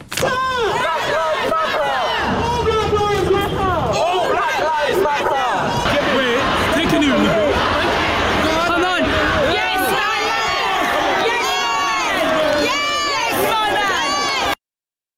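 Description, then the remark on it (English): A dense Black Lives Matter protest crowd outside Downing Street roars continuously as police officers take the knee, many voices shouting and cheering together with rising whoops, loud, for the whole stretch before cutting off abruptly. “Police officers literally taking the knee outside Downing Street to the Black Lives Matter crowd.”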